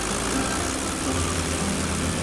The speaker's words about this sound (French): À 7h45, son avion, un Potez 25, quitte le hangar.